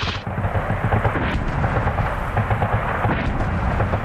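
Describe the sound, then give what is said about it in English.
Deep, continuous rumbling booms of artillery fire launched by tanks roll and echo across a massive valley in remote North Queensland, Australia, a loud sustained low thunder with repeated swells and no voices. “At the bottom of the valley, you can see flashes of light just before they launch the artillery. And now the whole valley, you can hear the echoes across this massive space here in remote North Queensland.”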